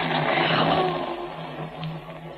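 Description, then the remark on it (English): A loud, steady rumble of thunder rolls on for a couple of seconds, a dense low roar with a faint droning hum underneath that slowly eases off toward the end. No one speaks. “That's real. That's thunder.”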